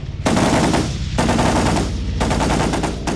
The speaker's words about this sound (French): Je courais vers la cuisine quand, brutalement, un mitraillage déchira l'air au-dessus de ma tête.